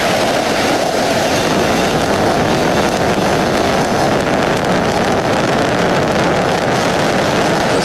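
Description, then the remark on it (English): A powerful rocket engine roar from the 27 Merlin engines of a Falcon Heavy rocket at liftoff, launching NASA's Roman Space Telescope, fills the whole recording. It is a dense, steady rumbling blast with crackling texture that never lets up, loud, with no voices. “great shot there from on top of the rocket looking down, and then now tracking up, looking at those 27 Merlin engines lifting the Falcon Heavy and Roman Space Telescope off into space.”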